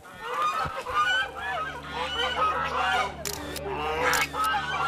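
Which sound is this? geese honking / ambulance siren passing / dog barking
geese honking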